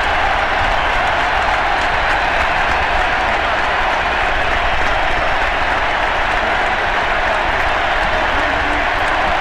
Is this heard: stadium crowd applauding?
yes